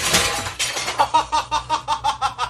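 Glass smashes with a loud crash, then a quick, steady run of bright tinkling pulses follows as the breaking trails off. No one speaks.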